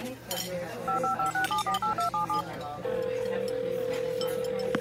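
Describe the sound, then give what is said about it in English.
A quick run of about eight touch-tone keypad beeps as a phone number is dialed, each a short paired tone, followed by a steady ringback tone over low background noise. “Now, where is that guy's phone number? There we go.”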